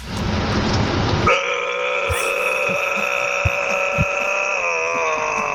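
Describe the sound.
A person growls with their voice, a rough, raspy burst that settles into a long, buzzing, droning tone held for several seconds, loud and steady, with no talking.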